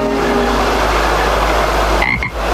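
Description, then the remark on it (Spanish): A loud, dense chorus of frogs croaking together without pause, their overlapping calls forming a steady rattling wall of sound near a pond, with a brief higher chirp near the end. “Hizo como una especie de corto en donde se ven a unas ranas que cantan en un estanque.”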